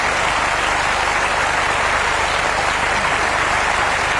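Sustained audience applause following a song, a dense, even wash of many hands clapping at full volume that holds steady for the whole stretch without letting up. No voices cut through.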